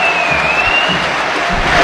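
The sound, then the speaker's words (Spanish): Broad, steady wash of crowd noise in a stadium, many people clapping and cheering for player Beltrán as the lineup appears on the stadium's 360 screen, sustained and fairly loud throughout with a faint whistle-like tone above. “Aplauso para Beltrán.”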